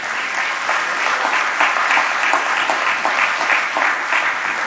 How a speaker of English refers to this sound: We ought to give God a hand clap of praise on that reality.